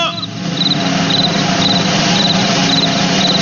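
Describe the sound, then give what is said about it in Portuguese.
A cricket on a farm chirps in short, evenly spaced bursts, a steady high-pitched trill repeating about twice a second over a constant background hiss. No one speaks. “O bicho de hoje é o grilo, é o bicho de hoje.”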